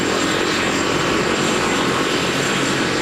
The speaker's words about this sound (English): So right now, the helicopter has landed, and you've had some of the team that's on the helicopter come out, and they're getting a brief from the medics